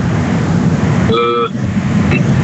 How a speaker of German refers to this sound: Kannst du nichts ändern, ne? Also es ist ja, warte, sehr laute Straßengeräusche.